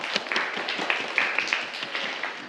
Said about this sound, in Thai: ถูกต้องครับปรบมือเลยครับนักเรียน